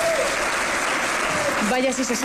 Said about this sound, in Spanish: quiso dejar un mensaje de esperanza al público que ahí estaba congregado y que recibió con aplausos y entusiasmo.